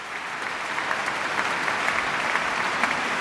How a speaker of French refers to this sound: Et un déluge d'applaudissements pour le pianiste, pour Pierre-Laurent Aymard, qui est l'une des grandes figures du piano français.